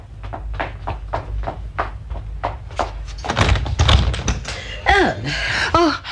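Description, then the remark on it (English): A steady run of footsteps as someone goes down to answer the door, then a louder thud and rattle as the door is unlatched and pulled open, followed by voices near the end. “Let me answer the door.”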